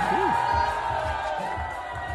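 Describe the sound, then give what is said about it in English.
A crowd in a bar cheers and shouts in a steady, continuous roar as Mamdani appears on screen in an ad during a Knicks game, with many overlapping voices and a few whoops rising out of the noise, holding at an even level throughout. “They're just cheering for the And Knicks.”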